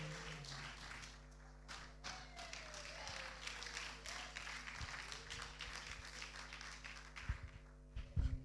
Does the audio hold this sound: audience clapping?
yes